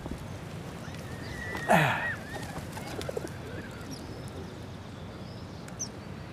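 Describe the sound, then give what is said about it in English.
A pigeon gives a single brief coo-like call with a flutter over a steady low ambient hum, with a few faint chirps afterward. “What, you think the pigeon's gonna miss you?”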